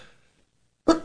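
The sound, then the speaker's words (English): A single sharp sneeze bursts out after a near-silent pause, loud and abrupt, with a brief trailing puff of breath at the end. “I don't have a sneeze button,”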